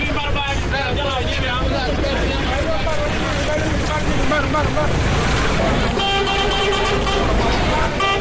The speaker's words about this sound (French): Sous un soleil accablant, des voyageurs, hommes comme femmes de tout âge, traînent avec leurs bagages, entre autres valises, valisettes, sacs et même des moutons, un décor auquel s'ajoutent les cris des coxeurs et les klaxons des véhicules.